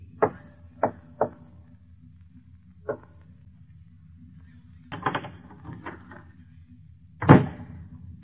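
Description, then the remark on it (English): A door opening: a few sharp clicks and clunks, a pause, then a rattling, scraping stretch and one loud final thud. No voices. “And the opening of this door introduces us to another in the series, The Key.”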